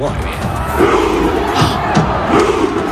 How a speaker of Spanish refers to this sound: Claro, aquí los hinchas están imitando, están remando ese barco vikingo imaginario,